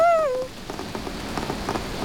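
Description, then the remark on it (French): Rain patters steadily on a hard surface in a dense, even spatter of drops, opening with a brief falling tonal cry that quickly fades. No one speaks. “Tiens, voilà la pluie.”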